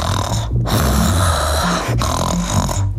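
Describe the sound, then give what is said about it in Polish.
A person imitates a horse tired from running snorting, as a warm-up exercise before pronunciation practice, two long, rough, fluttering snorts with a brief breath pause between them, loud, with no other talking. “Chrapnął sobie.”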